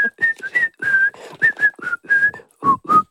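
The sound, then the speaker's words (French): Someone whistles a show's theme tune, a lively melody of quick, short, clear notes rising and falling with brief pauses between phrases, with no one talking. “Oh, … qui siffle.”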